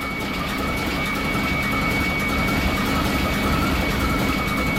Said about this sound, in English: I've worked in a ship's engine room for about 10 years, and this is what the sounds like. Listen to it. Whistling of the turbo.